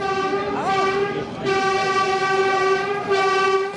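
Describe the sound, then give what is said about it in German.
A Berlin S-Bahn S15 commuter train, on the line linking the northern S-Bahn ring with Berlin Hauptbahnhof, runs steadily on the rails, its loud continuous tonal hum and whine holding throughout, with a brief dip midway and rumbling underneath. “Die S15 verbindet ab heute den nördlichen S-Bahn-Ring mit dem Berliner Hauptbahnhof.”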